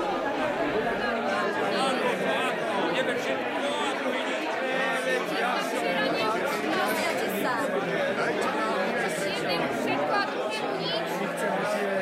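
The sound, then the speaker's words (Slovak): Dense, continuous babble of many overlapping voices of a household's daily diners, noisier than usual, like a crowded dining hall full of people talking at once, steady and loud for the whole stretch with no single voice standing out. “Čo je to za hluk? Nepočujem vlastného slova.”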